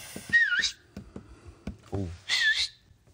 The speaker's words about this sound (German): kann der auf 2 Fingern pfeifen?